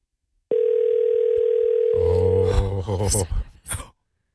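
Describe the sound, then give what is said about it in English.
A steady, loud electronic phone tone hums for about two seconds as a call goes out, then several voices cut in, talking over one another as it fades. “We're ringing.”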